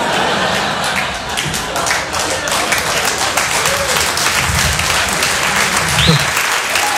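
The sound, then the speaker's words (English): A stand-up comedy audience at a Jim Brewer set applauds steadily after a joke, a dense wash of many hands clapping at an even, fairly loud level for several seconds, with faint murmuring and a few whoops mixed in. “Well, that's easy for you guys to clap at because you guys probably all have insurance.”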